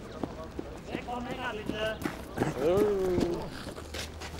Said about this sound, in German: Weiter zum nächsten Akt der Mongolen-Pferde-Verlade-Aktion.